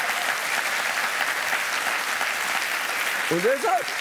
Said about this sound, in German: Ja, komm mal klatschen. Da.